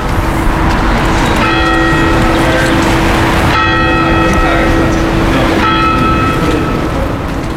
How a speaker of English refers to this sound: The Angelus, the bells at play as well.